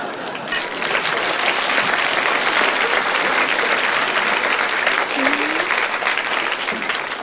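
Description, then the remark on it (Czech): An audience applauds steadily for several seconds, a dense, even wash of many hands clapping at a constant loud level without pause. “To je poprvé, co piju a lidi tleskají.”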